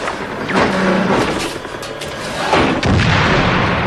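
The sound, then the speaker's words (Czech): Bomb explosions go off in a rough series, sharp booming blasts breaking out of a constant, heavy rumbling din, with two strong hits close together near the end. No one speaks. “Mají bomby.”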